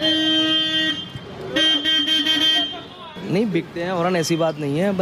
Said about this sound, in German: Der Glaser Sorab will eine lautere Hupe für seinen Motorroller.